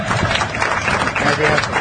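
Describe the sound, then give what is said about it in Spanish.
A short burst of steady applause, many hands clapping at once in a dense, continuous patter that holds at an even, fairly loud level throughout. “Así un aplauso para Juan Carlos.”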